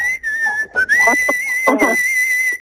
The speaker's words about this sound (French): Mais je me rappelle qu'il siffle, oui. Ah, ah, bah, juste avant, il fait ça.